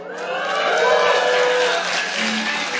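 An audience breaks into loud, steady applause mixed with cheering and whooping voices, a dense wash of clapping that holds for about three seconds.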